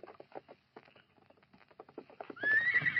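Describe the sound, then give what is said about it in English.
A horse, Scout, at a shack in the foothills: its hooves clop in an uneven series of hollow steps, then it lets out a loud, quavering whinny that carries to the end. “Get off that horse and go inside, Redskin.”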